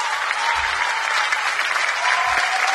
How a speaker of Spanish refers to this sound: Muchas gracias, Samuel. El aplauso para el maestro Samuel, por favor.